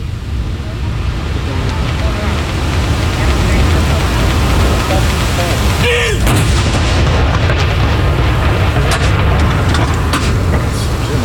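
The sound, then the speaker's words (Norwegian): A single cannon shot of a ceremonial mourning salute at Akershus Fortress booms out midway through, its blast rolling over a steady wash of outdoor noise and faint crowd murmur; 21 shots are fired, 30 seconds apart. “Og så det da som vanlig ved sørgesalutt, så det 30 sekunders pause mellom hver avføring.”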